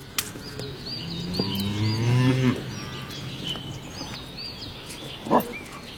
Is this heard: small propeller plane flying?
no